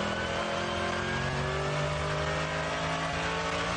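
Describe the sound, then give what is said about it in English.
A race car passes off to the right, its loud, steady engine droning continuously with strong harmonic tones, a sustained roar without speech that holds its level throughout. “Car off to the right there.”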